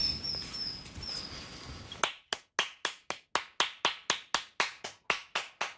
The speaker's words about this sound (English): We'll just walk along a little bit and we'll try and clap up some robins.